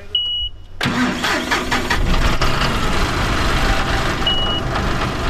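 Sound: tractor engine idling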